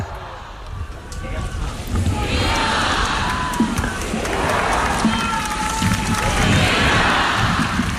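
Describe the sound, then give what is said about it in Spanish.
A large crowd cheers and chants vivas for Pope Leo XIV as he closes a Mass at the port of Santa Cruz de Tenerife, in rising waves of voices, loud and sustained, with whistles and shouts mixed into the roar. “Vivas al Papa.”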